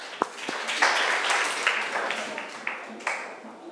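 A stretch of applause requested by a teacher for the day's educational clip: a dense, steady wash of many hands clapping, with a few sharper individual claps standing out, at a moderate level and without talk.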